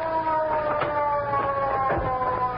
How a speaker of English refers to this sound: here comes the police car. Yeah, we'll flag it down.